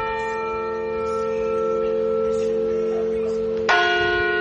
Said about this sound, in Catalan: Saps quin toc és, aquest? El reconeixes? Campanes de mort, no. No, és el toc de festa major. És el que indica que hi ha festa major.